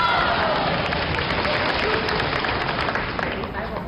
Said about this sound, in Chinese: 哎，反正我就不管别人了，凡是现场给我们哥俩鼓掌的，发财10年。20年，50年，连鼓掌再叫好的发财一辈子。